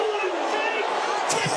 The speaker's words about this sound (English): Listen to the crowd.